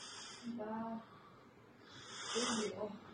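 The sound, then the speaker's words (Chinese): Two heavy, breathy inhales, each a rough airy rush with a faint wheezy rasp, separated by a short pause, as a 98-year-old man breathes in on instruction during an exercise training session. “做得动吗？喘气儿，上来吸气。来。吸气。”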